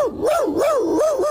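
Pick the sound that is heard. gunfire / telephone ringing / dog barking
dog barking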